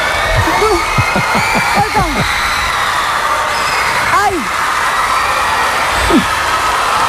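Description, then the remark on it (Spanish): A girl, an excited fan surprised on a television show by a pop band's appearance, shrieks and cries out in repeated high, wavering bursts over a noisy, bustling crowd, her screams rising and falling in pitch, a microphone held to her mouth. “Este grito de fondo es todo el rato.”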